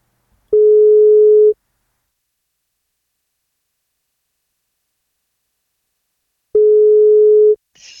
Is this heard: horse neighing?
no